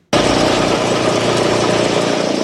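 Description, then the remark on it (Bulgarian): A floor renovation machine, run by a craftsman preparing the parquet of a basketball hall in Botevgrad, Bulgaria, starts abruptly and runs at a steady, loud, droning pitch, a continuous mechanical whir with a rough buzzing edge and no voices. “Ето го майстора, не е лесна тая работа, машината тръгна на някъде.”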